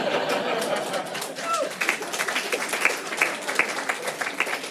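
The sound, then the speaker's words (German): An audience at a stand-up comedy show claps in a steady wash of overlapping hand claps, with a few sharper individual claps poking through toward the end and faint crowd murmur underneath. “Und mittlerweile denke ich, die Ficker sollen einfach die Schnauze halten und klatschen.”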